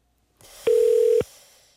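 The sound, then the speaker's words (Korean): A single steady telephone ringback tone sounds once for about half a second on the first outgoing call to a listener, clear and fairly loud, framed by soft clicks and faint line hiss, with no one talking. “자, 그럼 첫 번째 전화 걸어보겠습니다.”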